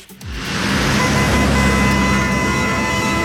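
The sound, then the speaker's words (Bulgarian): A short radio jingle introducing the traffic report, built from loud road traffic noise, a dense rushing roar of passing cars that swells in within half a second and holds steady, with faint tonal hums running through it. “Трафик.”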